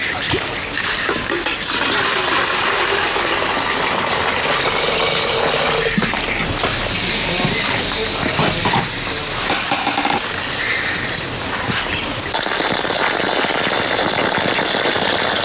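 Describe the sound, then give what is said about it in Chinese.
A steady, fairly loud rush of boiling water from a kettle being poured slowly into an ant nest to kill the ants, hissing and splashing continuously for the whole stretch with small shifts in flow, and no one speaking. “另外一种方法就是最便捷的，烧一壶开水慢慢的倒进去，倒进去都是个水螺以后再跟到倒，它就在整个蚂蚁的血液的这个支系里面用开水把它杀死掉，啊。”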